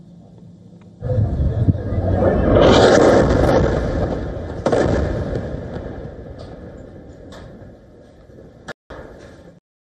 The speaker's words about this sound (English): An Israeli airstrike on a building caused an explosion and destruction in the town of Zawiya, which is located in central Gaza Strip. This attack comes soon after the Israeli forces warned the owners of the property to leave the area.